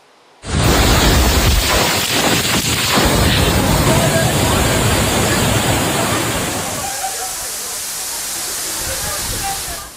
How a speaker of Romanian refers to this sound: Timp de 2 ore, Zurich a fost la mila naturii. Rafalele puternice de vânt au rupt copaci, iar apa a pătruns în subsoluri.